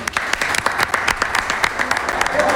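An audience breaks into sustained applause for a young girl hosting on stage for Joss Radio, many hands clapping in a dense, crackling wash that stays loud and steady throughout, with faint voices mixed into the noise.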